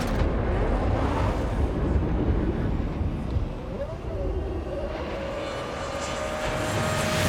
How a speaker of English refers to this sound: The RB7 off like a scolding dog. A dog with a V8 engine generating 18,000 RPM strapped to its back.